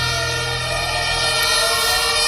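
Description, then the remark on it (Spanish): Fire engine sirens wail loudly and continuously as fire engines arrive at a large fire at a hotel in the Los Remedios district of Seville, Spain, several overlapping tones sustained with a low engine rumble underneath, steady throughout. “Es el sonido de las sirenas de los bomberos llegando al aparatoso incendio que afecta desde las 11 de la mañana al hotel del complejo Vera Sevilla, los antiguos suelos de Altadis, en el barrio de Los Remedios, en la capital hispalense.”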